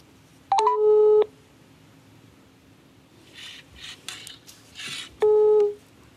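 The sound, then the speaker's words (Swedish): A phone line rings out on an outgoing call to a local company, asking it to donate to the Världens barn fundraiser: two loud, steady electronic tones about four seconds apart, with a faint clatter of handling noise in the gap and no talking. “Men först ska vi höra hur det låter när man ringer upp ett lokalt företag och skänker pengar till världens barn.”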